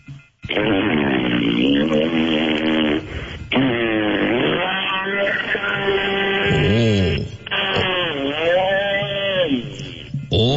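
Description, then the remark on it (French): A voice imitates a two-stroke chainsaw cutting a tree in the distance: a loud, buzzy, continuous drone that revs up and down in pitch over three long bursts separated by brief pauses. “La scie mécanique, là, maintenant. Il est allé couper un arbre en arrière.”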